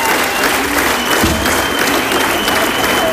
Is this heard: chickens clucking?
no